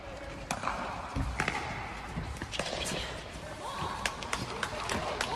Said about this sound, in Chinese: 20号下午，国家网球中心钻石球场迎来了 PPA 亚洲匹克球巡回赛北京公开赛的多项半决赛，清脆的击球声和观众的鼓掌声此起彼伏